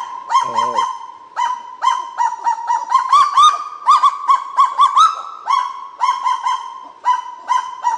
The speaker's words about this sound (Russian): То есть вот эти вот распушенные крылья – это демонстрации позы. Так же, как и вот распушают крылья, начинают гавкать. Кого-то отпугивает, да? Очень забавные птицы кагу.